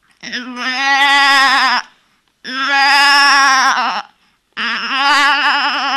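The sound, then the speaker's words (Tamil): A voice imitates a ram bleating in three loud, drawn-out calls, each about one and a half seconds with a quavering, vibrato tremble, separated by short pauses. “டே, இது பேர் கெடா.”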